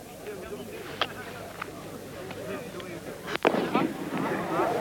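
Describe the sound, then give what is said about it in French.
A red signal flare, the last one before an explosion, launches with a sharp whooshing burst, preceded by a few fainter pops, while a man talks steadily over the outdoor background. “H-1, la dernière fusée vient de partir, une fusée rouge.”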